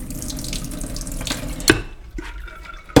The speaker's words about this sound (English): And I'm just going to add water, which will be then used for final cooking. How much water are we adding? For 1.5 cups, I would add 1 liter of water.